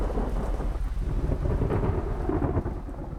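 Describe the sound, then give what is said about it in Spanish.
Steady heavy rain pours down while deep thunder rumbles continuously underneath, a dense, loud storm wash with no voices present, during a football tournament. “Pero esto también forma parte del torneo, y las tormentas pueden convertirse, ya lo ven, en un rival tan imprevisible como cualquier selección.”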